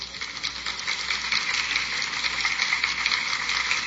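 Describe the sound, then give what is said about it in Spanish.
An audience at an event of the 66th legislature applauds the presidium headed by Senator Emanuel Reyes Carmona, a dense and even crackle of many hands clapping that keeps the same loudness for the whole stretch, with no voices. “Por favor, un aplauso.”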